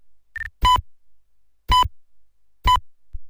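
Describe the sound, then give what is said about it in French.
A radio time signal from a radio station in Cotonou, marking 2 o'clock: three evenly spaced, loud, pure electronic beeps about a second apart, each short and clear, preceded by a faint higher pip, with silence between them. “quatrième stop, il sera 2h.”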